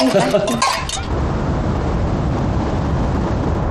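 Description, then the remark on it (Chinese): A few quick clinks of glasses ring out together in a toast to the flourishing of new China's cultural undertakings, in Beiping, amid a murmur of voices, then give way to a steady, loud rumbling background noise. “新中国的历史需要文化界同仁共同书写，来，我们举杯祝福新中国文化事业大放异彩。 来，干杯。”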